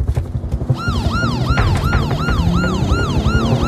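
A police car siren wails in a fast, repeating rise-and-fall pattern, loud, over a steady low rumble of traffic or an engine, with no voices.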